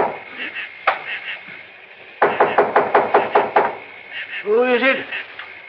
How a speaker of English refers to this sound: And when I knocked on the door...